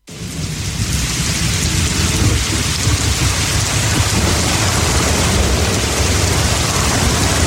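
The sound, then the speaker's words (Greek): Heavy rain pours steadily with a deep, continuous rumble of thunder underneath, loud, filling the whole stretch without pause and with no voices. “Βροχή ακούω, μπουμπουνιτά.”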